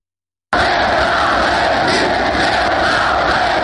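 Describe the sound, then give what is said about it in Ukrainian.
Thousands of protesters with blue-and-yellow flags gathered in front of the Verkhovna Rada on the morning of 24 August 1991, demanding independence, roar and chant together, a dense, loud wall of many voices that starts abruptly and holds steady without a break. “Перед Верховною Радою збираються тисячі мітингувальників із синьо-жовтими прапорами.”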